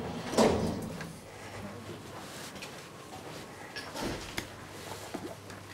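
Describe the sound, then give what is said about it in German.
The sliding doors of a modern elevator with a glass shaft and glass cabin, built by Lutz, rumble open and then, a few seconds later, slide closed again while the door buttons are tested, two moderately quiet mechanical movements over a low steady hum. “Tür auf, Taster geht. Tür zu, Taster geht auch.”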